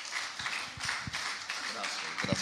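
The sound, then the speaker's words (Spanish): An audience at a church service applauding as an offering of applause to God: dense, steady clapping from many hands that keeps a constant moderate level throughout, with indistinct voices mixed in beneath it. “Dele una ofrenda de aplausos a nuestro Dios.”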